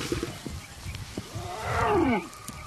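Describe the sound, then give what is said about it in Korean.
A mother big cat named Maya calls her cubs with one drawn-out, moaning call that swells loudly and then slides downward in pitch, heard over a low, rumbling background with a few soft grunts before it. “마야가 새끼들을 부릅니다.”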